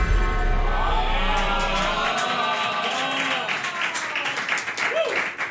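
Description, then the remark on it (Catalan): Children in Catalonia applauding together out in the street, a dense, steady patter of many hands clapping that stays loud throughout, with scattered voices and shouts mixed into the clapping. “Han sortit els nens de Catalunya a aplaudir al carrer.”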